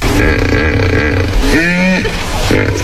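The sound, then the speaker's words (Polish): A hippopotamus calls with deep, rumbling grunts that swell into a loud, drawn-out honking bellow partway through, then fall back to throaty rumbling. No one speaks. “Hipopotam był.”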